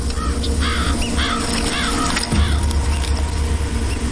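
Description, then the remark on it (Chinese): Magpies following a mother leopard as she hauls her kill in the early morning give a run of harsh, repeated chattering calls over a steady low rumble, clustered in the first half and then trailing off into fainter calls. “跟随的喜鹊会惊动其他的掠食者，也会招惹到附近的动物。”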